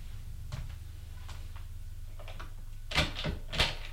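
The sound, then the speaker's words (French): A door in a silent house is opened: a few soft clicks and creaks, then a sharper latch click and a couple of knocks near the end, over a low steady hum. “L'a ouverte et entre.”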